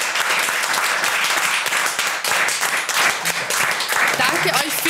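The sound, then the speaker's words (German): Loud, sustained applause from a large crowd on the outdoor Rathausplatz on the Song Contest final day, thanking the helpers who prepared the event; a dense continuous patter of many hands clapping, with faint voices mixed in toward the end. “Deshalb großer Applaus, vielen Dank an euch alle.”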